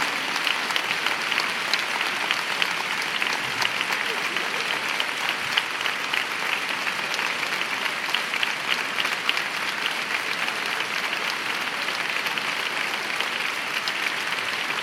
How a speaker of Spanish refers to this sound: No sabéis cómo me suenan a mí estas palmas. Diferente. Yo las he escuchado en medio mundo, pero estas son distintas.